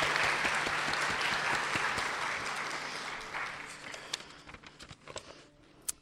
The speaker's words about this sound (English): so if you could stand up or wave, and we will give you a special round of applause over there.